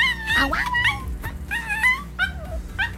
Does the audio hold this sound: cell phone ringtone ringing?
no